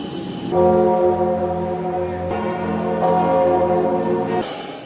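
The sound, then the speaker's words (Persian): Deep church bells ring out in Paris to welcome Pope Leo XIV on his arrival, with a rich, sustained resonant tone, their layered harmonics swelling and overlapping loudly for several seconds with no voices present. “با ورود او به پاریس، ناقوس کلیساها برای خوشامدگویی به پاپ به صدا درآمد.”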